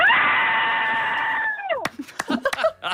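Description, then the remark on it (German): A woman, calling in by phone after being held up behind a tractor, lets out a long, loud, sustained scream of frustration lasting about a second and a half, slightly thin and phone-filtered, then breaks off into a few short, choppy vocal bursts. “Ein Traktor hat sie ausgebremst und deshalb hat sie uns angerufen und ihren Schrei mit uns geteilt.”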